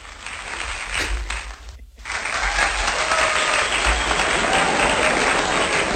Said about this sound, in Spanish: Bueno, pero este aplauso no es para mí